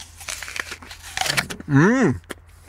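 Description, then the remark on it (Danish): Crisp, crackly crunching from someone biting into and chewing a crunchy apple with pink flesh, a Discovery-like variety called Rosette, from an orchard where cider is made, a quick burst of brittle snaps, followed by a loud hummed "mmm" that rises and falls in pitch. “Og det er jo fordi, at heroppe så har man en masse æbletræer og laver en masse skøn cider, og jeg tager lige et bid af et af æblerne.”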